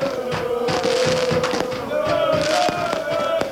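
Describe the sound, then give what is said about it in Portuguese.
Fireworks pop and crack in several sharp, irregular bangs over a dense, noisy crowd, while a steady horn-like tone drones underneath, at night in Torres Vedras, celebrating Torriense's football victory in its debut match in European competition. “Reportagem do António Botelho, com o cuidado de som de Daniel Leitão e direito até a fogo de artifício, noite dentro em Torres Vedras, para festejar a vitória no jogo de estreia do Torriense nas provas europeias.”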